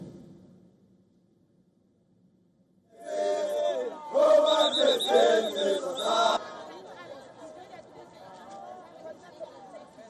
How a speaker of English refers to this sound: The anti-immigrant sentiment has spilled into many parts of South Africa. In a town bordering Johannesburg, thousands of protesters marched against undocumented immigrants, shouting slogans like, "Let them go."